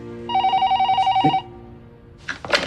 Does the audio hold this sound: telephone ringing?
yes